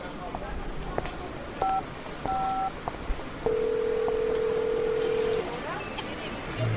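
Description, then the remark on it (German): A mobile phone rings with a few short electronic beeps, then a longer sustained warbling tone lasting about two seconds, moderately loud over a noisy background. “Klingt wie Aikos Handy.”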